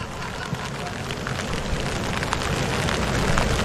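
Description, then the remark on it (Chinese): Raindrops falling on the ground during a Khachanov tennis match, a dense, steady patter, a continuous hiss speckled with tiny crackling hits that holds at an even, moderately loud level throughout. “我们现在能够听到这个雨滴掉落在地上的声音，这样卡恰诺夫实现了保发。”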